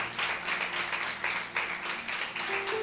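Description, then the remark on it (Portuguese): An audience applauding Jesus together, a steady wash of many hands clapping with a few sharper accents, holding at an even loudness throughout, with a faint low hum underneath. “Glória a Deus, vamos aplaudir a Jesus, Deus abençoe.”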